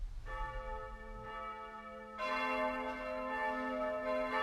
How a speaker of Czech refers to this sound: Hej, pane! Proč se tady tak slavně zvoní? Protože se vrátil starý čas a splácí staré dluhy.